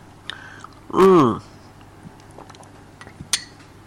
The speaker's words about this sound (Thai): บางทีอ่านข่าวแล้วบอกว่าเสียงแห้งเนาะแล้วก็จิบกาแฟไปบางช่วงนี้กาแฟเพิ่งจะชงมาร้อนกำลังดีขออีกสักอึกได้ไหม นะกาแฟเจนะคะ